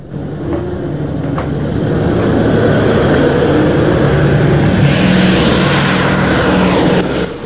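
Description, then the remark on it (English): Two heavy four-engine B-17 propeller bombers drone loudly and steadily as they come in to land at an airfield, a thick continuous engine roar that swells slightly and holds, with no voices. “They look up to see two of the B-17s coming into land.”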